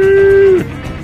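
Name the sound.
cattle mooing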